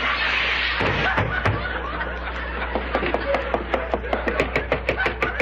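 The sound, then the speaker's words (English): A rushing slide ends in a loud crash of clattering thumps, followed by a quick, uneven series of sharp wooden knocks, as a boy slides down a banister. “Okay, I'll slide down the banister. Junior, don't slide down the banister.”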